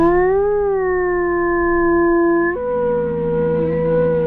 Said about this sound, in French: Alors ça, c'est... Ça, c'est une meute de loups. C'est une meute de loups, ouais.